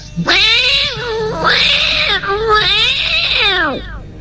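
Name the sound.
cat meowing sound effect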